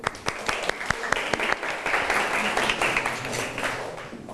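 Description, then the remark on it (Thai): A class of students applauds a classmate who answered a maths question correctly, a dense burst of many hands clapping that starts with a few sharp claps, swells into steady applause and gradually thins out. “ที่เพื่อนตอบถูกต้องไหมครับเธออาปรบมือเพื่อนหน่อยครับ”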